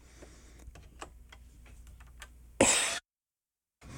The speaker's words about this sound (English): Okay, you can't help but clear your throat occasionally.